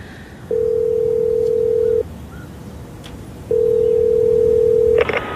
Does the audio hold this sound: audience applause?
no